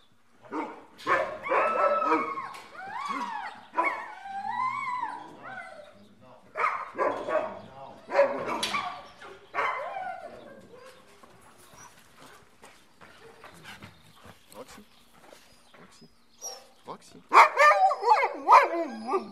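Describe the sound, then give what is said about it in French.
Several dogs, including the two dogs Roxy and Rebelle being fetched to be taken out this morning, bark and yelp excitedly in quick, irregular bursts, with high whining yips between barks, some human voices mixed in, and a loud flurry of barking at the end. “Et donc, moi je vais aller chercher les deux chiens qu'on va prendre ce matin.”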